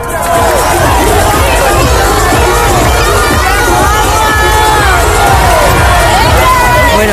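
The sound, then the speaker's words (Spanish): A crowd in Melilla celebrates a football final win against Argentina, gathering at the Plaza de las Culturas and driving through the streets with flags, a loud, constant roar of cheering and shouting voices with car horns blaring in and out for the whole stretch. “Gente en la Plaza de las Culturas que se concentró y que luego fue recorriendo las calles de la ciudad con sus coches, con las bocinas, con las pitadas, con las banderas.”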